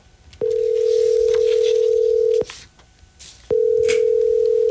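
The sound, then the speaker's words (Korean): A telephone ringback tone sounds in two long, steady beeps separated by a pause, clear and fairly loud, with faint background hiss and no one picking up, on a call to the number printed on a man's business card. “그래서 천식 씨 명함에 있는 번호로 전화를 걸었는데요.”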